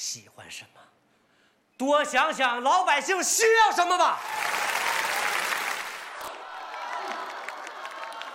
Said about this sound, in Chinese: 你别耷拉个眼皮，这出来一趟你那么乐呵的，大家你看都给你鼓掌了，你笑一个